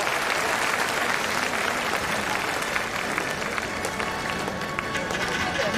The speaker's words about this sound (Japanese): 第20回アジア競技大会2026愛知名古屋体操競技女子種目別決勝平均台レインボーホールによってアジアチャンピオンを決める戦いが繰り広げられています。会場の皆様、大きな拍手で選手にエールを送ってください。